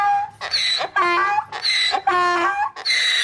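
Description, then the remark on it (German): A donkey brays loudly in a rhythmic hee-haw, about six rasping honks alternating between harsh, noisy inhales and higher, strongly tonal exhales, with no talking over it. “Im Nachtexpress auf SRF 1 geht es jetzt um einen Vierbeiner, und zwar um diesen da.”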